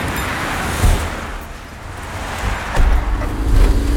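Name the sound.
highway traffic passing by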